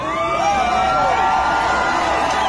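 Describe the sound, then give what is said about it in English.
A large crowd at Utah Valley University cheers and whoops continuously as Charlie Kirk starts speaking, a dense wash of overlapping voices with a few rising shouts standing out, loud and steady throughout with no single speaker. “It's been almost 10 months since the conservative icon Charlie Kirk started speaking to a crowd at Utah Valley University.”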